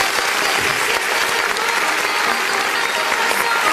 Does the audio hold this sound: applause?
yes